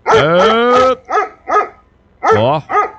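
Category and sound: animal, big dog barking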